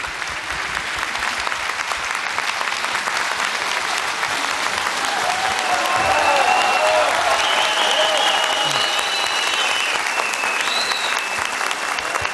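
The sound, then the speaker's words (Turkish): Sustained applause from an audience sending off a singer after his Turkish folk song (türkü) performance, dense and steady clapping at a fairly loud level, with a few faint voices and whoops rising briefly over it. “Seni alkışlarla uğurluyoruz.”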